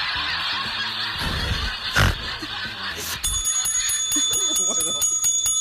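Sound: ducks quacking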